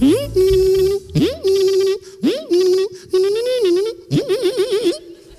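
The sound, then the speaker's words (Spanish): A voice mimics slot machines as a mock sports sound in a 'Curso de Ruiditos Deportivos' radio skit, five bursts of sustained, warbling tones, each swooping up then holding or wobbling in pitch, separated by brief pauses, with a buzzy, nasal quality and no words. “El famoso deporte de las máquinas tragaperras.”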